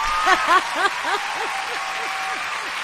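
A burst of applause, many hands clapping in a steady wash that fades slightly over a few seconds, with a repeating chirpy tonal pattern running through it.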